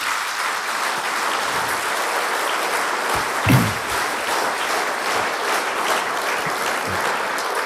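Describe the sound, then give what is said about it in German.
Sustained audience applause in honour of a composer and producer, a dense steady wash of many hands clapping at an even level for several seconds, with one brief louder burst partway through and no talking. “Das ist einen Applaus wert, will ich sagen.”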